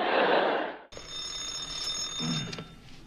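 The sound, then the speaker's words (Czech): A telephone bell rings with a steady, high metallic tone, fairly loud, after a brief burst of rushing noise, before a dispatcher at the national enterprise Nimroda answers. No one speaks. “Ano, ano, u telefonu dispečer Kňourek.”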